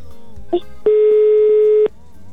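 A single loud, steady ringback tone lasts about a second, then cuts off, with faint background murmur before and after. It comes from an outgoing phone call placed from the Radio Cristal 93.3 station to a listener's husband.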